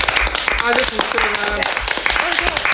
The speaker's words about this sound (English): Listen, well done to you all again, and we look forward to next week. I think a big clap again for all of you. Well done.